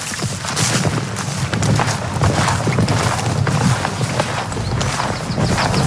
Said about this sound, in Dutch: Hey, zullen we eventjes naar de trekker lopen? Ja, goed. Dan lopen we daar even heen zo. Door het gras.